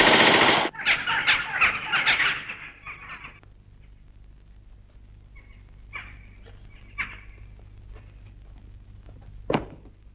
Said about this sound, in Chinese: 为什么乱放枪？ 弟兄们饿极了，用枪打乌鸦呢。